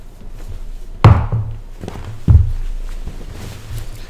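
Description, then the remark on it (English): A wooden chair is moved back with two heavy thunks a little over a second apart, each followed by a brief scraping rattle, with no talking. “I'm going to sit on Father Rutledge's chair. I just gotta move it back.”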